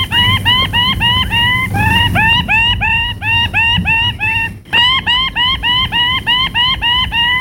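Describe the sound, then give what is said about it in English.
A male bird with ruby plumes shrieks excitedly while dancing on a tree branch, throwing his plumes above his head, in a rapid, relentless series of loud, rising harsh calls, repeated about twice a second, over a low rumbling background. “In a frenzy of excitement, he threw his ruby plumes above his head, shrieking with excitement.”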